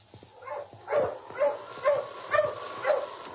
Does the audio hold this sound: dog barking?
yes